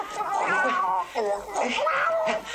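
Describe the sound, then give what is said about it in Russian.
A cat held by the scruff of its neck yowls loudly, letting out three or four drawn-out, wavering wails in quick succession with barely a pause between them. “держит кота за шкирку.”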